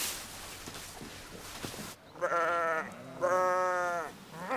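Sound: sheep bleating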